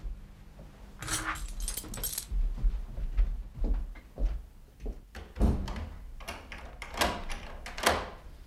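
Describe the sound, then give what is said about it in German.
Keys jangle and rattle in a lock, then a hotel room door clunks open with scraping and shuffling handling noises, fairly quiet, with no talking. “der Schlüssel.”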